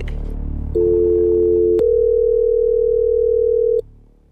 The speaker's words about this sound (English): What are you doing ringing on the landline? Oh, you know, just calling from work today.